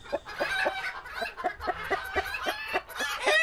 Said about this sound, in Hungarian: Hát, igen, vagy ha tyúkokat hallgatsz. Egyébként én hallottam már tyúkokat, akik egészen hasonló hangot adnak ki, mint az emberi nevetés.